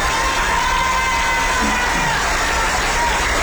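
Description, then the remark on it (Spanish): A crowd claps and cheers steadily for a few seconds in applause for Licifed, the builder of the schools, a dense wash of applause with scattered shouts and whoops rising above it, no one speaking clearly. “Un aplauso a Licifed, que es el constructor.”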